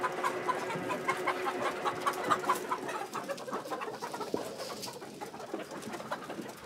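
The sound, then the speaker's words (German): A flock of chickens, let out onto a fresh meadow for the first time, clucks and murmurs continuously, overlapping soft calls forming a busy, steady chatter outdoors, with no voices present. “Jetzt dürfen die Hühner zum ersten Mal auf die frische Wiese.”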